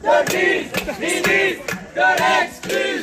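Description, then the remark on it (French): A crowd of protesting artists and art students chants loudly in unison, "Elisabeth de Grise, ministre de l'exclusion", rising and falling in short phrases, while sharp metallic clangs of banged saucepans cut through at irregular intervals. “Elisabeth de Grise, ministre de l'exclusion, voilà ce que scandent les artistes présents sur fond de concerts de casseroles et à grand renfort de quelques calicots.”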